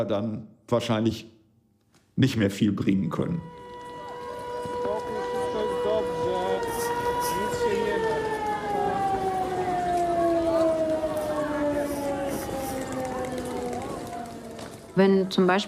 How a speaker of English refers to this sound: When the sirens go off, every second and every minute counts.